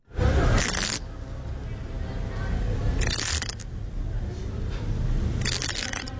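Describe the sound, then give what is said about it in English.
Yellow-legged hornet larvae scratch against the sides of their paper cells inside a nest, a dry, crackling scrape that surges in three short bursts over a steady low rustling background, fairly quiet. “That little scratching sound comes from yellow-legged hornet larvae scraping against the sides of their little paper pods inside a nest, probably because they're hungry.”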